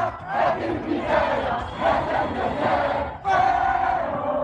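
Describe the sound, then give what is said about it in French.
A large crowd of football supporters chants and cheers in the streets of Casablanca, Morocco, celebrating the national team's 3-0 win over Canada. The sound is a dense, continuous roar of many voices with rhythmic swells and a brief dip before the noise surges back. “Dans les rues de Casablanca, c'est l'euphorie. Les supporters dansent, chantent.”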